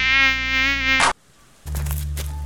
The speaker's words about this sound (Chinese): 你马帮帮忙，那人像你省水省到不洗头，难怪招来那么多苍蝇。